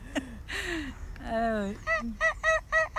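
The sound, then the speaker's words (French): Wild geese honk repeatedly: a few drawn-out nasal calls give way to a steady, evenly spaced run of loud, sharp honks. “Le canard sauvage, des oies sauvages.”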